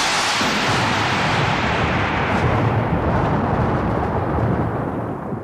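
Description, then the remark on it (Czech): A loud, continuous roll of thunder from a storm approaching over a rough sea, deep rumbling with a broad hissing wash over it, holding steady for several seconds before easing slightly at the end. “Nic bych za to nedal, že přijde bouře.”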